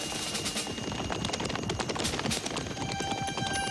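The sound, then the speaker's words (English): Horses' hooves clip-clop in a dense, rapid clatter, as if several horses are moving together, in freezing weather. The hoofbeats stay steady and fairly loud throughout, with no voices. “Horses.”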